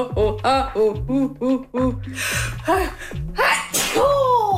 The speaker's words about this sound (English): Yeah, I'm gonna sneeze. That's what I'm gonna do.